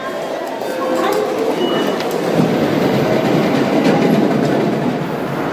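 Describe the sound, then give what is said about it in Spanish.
A Shinkansen high-speed train rolls along the rails on the route between Kanazawa and Toyama in western Japan, with a steady, loud rumble and faint clacks and squeaks riding on top throughout. “Desde 2015, los trenes de alta velocidad Shinkansen llegan a Kanazawa.”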